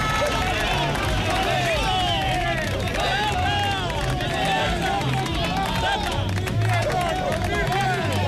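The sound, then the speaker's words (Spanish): A dense crowd of workers shouts and jeers over one another with scattered ironic clapping at co-workers voting under heavy police protection, escorted by the Ertzaintza, in a steady, noisy hubbub throughout. “Han logrado hacer la votación protegidos por un importante despliegue policial y entre los gritos y aplausos irónicos de sus compañeros.”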